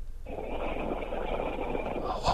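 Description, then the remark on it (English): A single drawn-out snore from a woman who has fallen asleep, a rough, raspy breath lasting about two seconds, fairly loud with no talking over it. “She's snoring. She's gone to sleep.”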